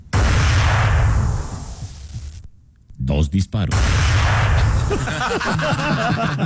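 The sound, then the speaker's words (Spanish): Two sharp rifle shots crack out after a brief hush, set against a dense, noisy background with muffled voices, loud. “Y después de un corto periodo de tiempo, se escuchan 2 disparos.”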